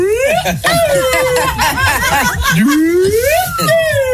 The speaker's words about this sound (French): Mec, c'est une flûte, ça. Ah oui, c'est un petit pipeau, là. C'est un pipeau, ouais.